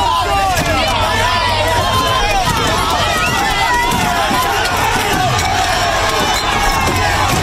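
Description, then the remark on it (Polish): A loud, chaotic street riot in Bologna, Italy, as protesters clash with police: many voices shout and yell over one another in a continuous roaring din, with rushing footsteps and scattered sharp cries throughout. “To fragment bitwy chuliganów z policją w związku z wątpliwościami dotyczącymi policyjnej interwencji.”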